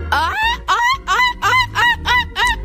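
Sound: child imitating seagull calls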